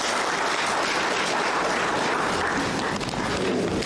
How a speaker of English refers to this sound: Can you please give Commissioner Clay a round of applause?